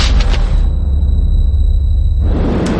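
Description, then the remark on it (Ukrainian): A loud explosive detonation set off by a sapper during tests, with a heavy, deep rumble that roars steadily for a few seconds, hissy debris-like bursts at the start and end, and no voices. “Один, два, три! Вибух!”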